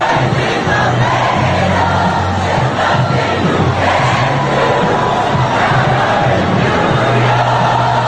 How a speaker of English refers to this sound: That is, people were yelling and cheering and singing, and God, it was just such collective joy this weekend.